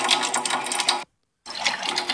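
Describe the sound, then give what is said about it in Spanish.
A strong, steady, loud gush of water pours from a tap at a home as the water supply returns, breaks off into a brief silence partway through, then rushes back just as hard. “Me acaba de llegar ustedes, el agua. Ustedes oyen el chorro.”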